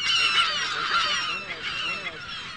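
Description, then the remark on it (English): A dense colony of California gulls along the edges of a pond calls continuously on a wet spring morning, overlapping harsh cries and squawks forming a loud, steady din with no pauses. “On this wet spring morning, the gulls are in dense colonies along the pond's edges.”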